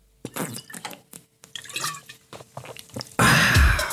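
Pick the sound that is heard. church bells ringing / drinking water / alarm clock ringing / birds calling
drinking water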